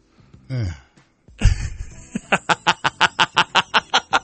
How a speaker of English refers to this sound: How about the damn dog on Duck Hunt? He was having a good time laughing at people, you know? He's just smiling, laughing. He's also a video game dog, so what are we doing here?